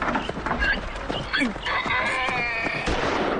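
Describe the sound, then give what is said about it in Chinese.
A donkey brays loudly, a harsh drawn-out call that rises and wavers for a couple of seconds over a busy, noisy background with faint voices. “这就要杀了。 杀驴？为什么呀？”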